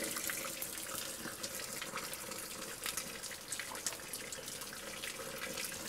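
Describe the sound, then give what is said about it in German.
Water runs steadily from a small, famous spring linked to Napoleon, just before the mountain village of Matschana, a continuous bright splashing and trickling hiss with no voices, holding a fairly even loudness throughout. “Und dann so eine kleine Quelle.”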